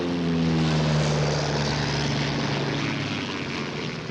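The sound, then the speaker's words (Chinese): A propeller airplane engine drones steadily in flight, loud, with a strong low hum and harmonic buzz that holds throughout. No voices are heard. “被通缉的逃犯竟然驾着飞机逃跑，甚至惊动了自卫队，出动了军用机，这更成了轰动一时的新闻了。”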